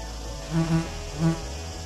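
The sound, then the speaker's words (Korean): Three short insect buzzes from an orchid bee, a quick pair followed by a single one, each a steady drone rising out of a quiet background. “벌의 이런 행동은 난초에게도 이득입니다. 벌들이 꽃가루를 대신 퍼뜨려주니까요.”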